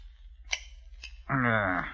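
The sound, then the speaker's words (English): Two crisp metallic snips of shears clipping the edges of gold coins in a workshop, about half a second apart, then a voice begins speaking. “Here, they divested themselves of garments necessary to robbing on the road, placed them in a trunk, took out a pair of shears, and went to work.”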